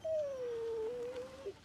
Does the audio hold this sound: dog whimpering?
yes